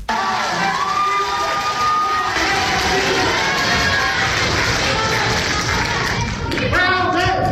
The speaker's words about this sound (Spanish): Mientras que en Zacatecas la dirigencia informó que la senadora con licencia Verónica Díaz Robles había ganado la encuesta, se escucharon nuevamente los gritos de fraude y muera el monrealismo.